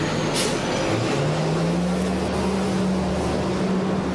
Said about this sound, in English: Loud truck. Big truck. It's going to be loud here for a second.